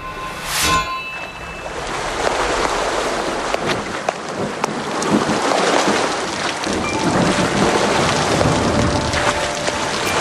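Steady, heavy rain hisses continuously on a Sunday morning, with a sharp metallic clang at the start and low rumbling like thunder underneath. No one speaks.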